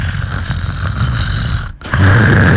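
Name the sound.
person imitating snoring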